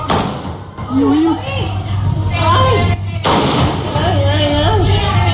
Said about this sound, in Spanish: Son disparos del presunto atracador de 57 años que abrió fuego al verse sorprendido por agentes de la policía local. A la salida del banco se encontró precisamente con la patrulla y no dudó en emprender a tiros contra los agentes.